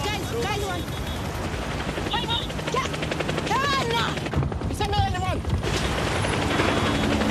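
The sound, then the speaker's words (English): A DHL helicopter's rotors drone and chop steadily for the whole stretch, a dense, loud roar with voices talking over it. “a DHL helicopter and what looks like an Oracle Red Bull Racing F1 car”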